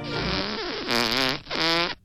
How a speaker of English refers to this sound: Farts are funny.